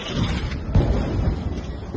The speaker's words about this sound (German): Der Schriftsteller schickt zwei Videos, aufgenommen in der Nacht, welche Explosionen im Zentrum von Gaza-Stadt zeigen.